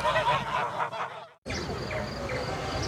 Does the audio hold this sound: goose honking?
yes